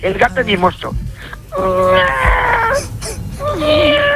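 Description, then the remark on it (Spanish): A person mimics an affectionate cat with drawn-out, wavering mewing sounds, two long whiny meows with sliding pitch following a few shorter vocal bursts, fairly loud and alone. “Y el gato mimoso.”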